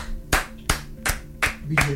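Five sharp hand claps in a steady, evenly spaced rhythm, about three per second, ringing crisply over a low continuous hum and faint background murmur.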